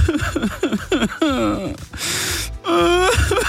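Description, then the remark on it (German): A person in the boss's office crying and whimpering in short, shaky sobs because McDonald's is permanently taking the McRib off the menu, then breaking into a long, gasping wail and another drawn-out whimpering cry, fairly loud. “Deswegen, lieber Chef, nicht weinen, nicht weinen, nicht weinen”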